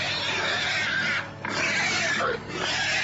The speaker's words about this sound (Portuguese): E o barulho deste carro assustou os porcos da casa da Sofia. E os porcos começaram a grunhir.